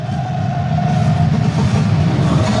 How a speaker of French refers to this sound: Oui, c'est une nuée, une marée de scooters, de supporters qui sont arrivés ici. Alors, il y a environ maintenant une heure. J'ai du mal à tout entendre parce qu'il y a les chants, les klaxons et les moteurs qui brombissent en même temps.